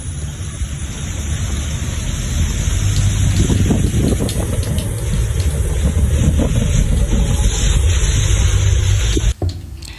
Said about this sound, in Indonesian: Sungai Waridin Kendal sudah mulai meluap.